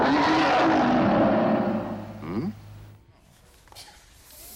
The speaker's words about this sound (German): Aber warum ist auch nach 150 Jahren die Faszination für den Viertaktmotor immer noch da? Vielleicht, weil dieser Sound ja das Herz anspricht und nicht das Hirn.